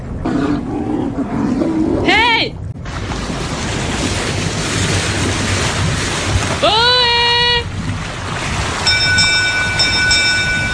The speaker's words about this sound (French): Dans le lointain, Lauriane Mira, puisque c'est elle, entend un bateau arriver.